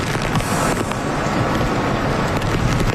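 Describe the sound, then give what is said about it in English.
Fierce winds of Typhoon Jiangmi, now downgraded to a tropical storm, roar over southwest Japan without a break: a dense, rushing wall of noise with gusty surges and a buffeting low rumble, loud and steady for the whole stretch, with no voices. “Southwest Japan is being battered by a powerful storm.”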